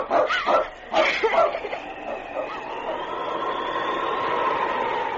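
A dog barks in two quick bursts of sharp, loud yelps, then a long, steady high drone takes over and holds to the end.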